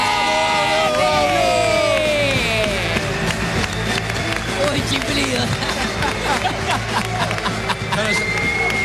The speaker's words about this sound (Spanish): Fuerte el aplauso para mi amigo